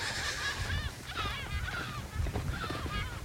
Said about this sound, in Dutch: Terwijl we uitgelachen worden door de meeuwen uit de kolonie hier vlak achter.